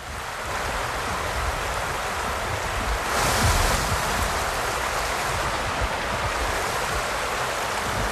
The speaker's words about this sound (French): Pour nous parler de leur travail, ils nous ont donné rendez-vous dans l'Yonne à Pierre-Pertuis, sur un petit pont de pierre qui enjambe une rivière, la Cure.